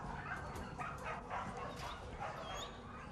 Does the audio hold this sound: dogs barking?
yes